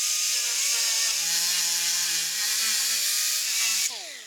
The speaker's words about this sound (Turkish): Kırılan çivilerin arkasında kalan parçalar için zımpara kullanacağım.